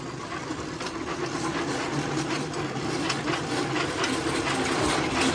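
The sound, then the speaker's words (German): A rail bike, fitted with a bell and pedalled on the rails by two men in orange vests toward the sunrise, rolls along the tracks with a steady, loud metallic rattle and rumble, flecked with rapid clacking, holding at an even level throughout with no voices. “Und das Gerät wird jetzt gleich mit großem Krawall an uns vorbeifahren.”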